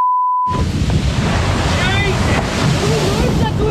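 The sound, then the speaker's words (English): After a short electronic beep, a loud, continuous roar of crashing whitewater erupts as a whale breaches during a father and son's fishing trip at sunrise, with heavy wind buffeting and excited voices shouting faintly beneath the churning splash. “An explosion of whale whitewater and understandable expletives.”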